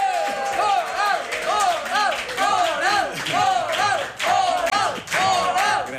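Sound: audience applause and cheering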